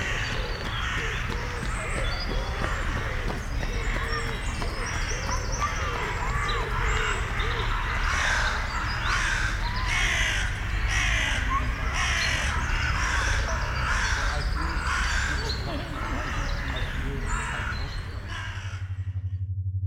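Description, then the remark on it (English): Outdoor ambience under the Trestle Bridge train tracks on Tanyard Creek Trail, Atlanta, Georgia, USA: a steady low rumble and hiss, over which crows caw repeatedly in harsh, loud bursts, joined by scattered bird chirps throughout. “Found listener from Atlanta, United States of America, playing nearby sound, Tanyard Creek Trail, Atlanta, GA 30309, USA, under Trestle Bridge train tracks by Sound Hunter.”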